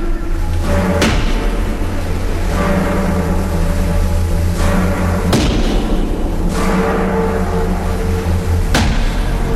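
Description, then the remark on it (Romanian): Heavy hammer blows strike metal shackles to fasten a captive's arm to rock, about six sharp, irregularly spaced impacts ringing over a steady, low droning rumble. No one speaks. “Dă tare cu ciocanul! Ferecă-l de stânci!”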